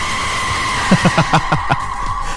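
A chicken clucks in a quick run of about seven short, raspy calls, evenly spaced, over a steady background hum, with no one speaking.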